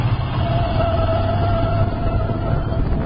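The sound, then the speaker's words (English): A car brakes hard with anti-lock brakes (ABS) in a braking demonstration: a loud, steady rumble of road and engine noise carrying a thin, sustained mid-pitched whine for about three seconds, with no voices. “You see how ABS lets you keep control of the vehicle while braking?”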